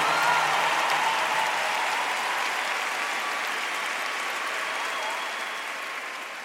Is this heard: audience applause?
yes